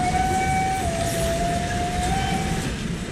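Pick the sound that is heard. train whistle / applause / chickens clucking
train whistle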